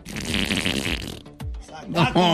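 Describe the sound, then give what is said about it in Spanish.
A voice imitates a long, wet, sputtering fart that bubbles loudly for over a second, then breaks off into a few short vocal noises. “Pero el esfuerzo del estornudo se le salió otro gas. Pero esto fue largo y aguado.”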